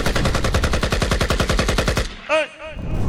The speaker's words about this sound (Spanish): lanzando sus petardos en esta mañana de clásicos.